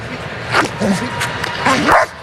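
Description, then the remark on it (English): K-9 Taz, a Houston Police Department police dog, barks several times in quick, uneven bursts, loud, over a steady background hum of a large crowded space, at a Houston Astros baseball game. “They are going to bark our Bank of America first call.”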